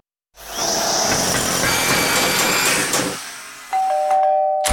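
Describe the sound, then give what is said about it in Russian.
A loud, continuous drilling noise from apartment renovation in a new-build grinds for about three seconds and stops, then a two-tone doorbell chime rings out clearly. “Да сколько можно долбить?”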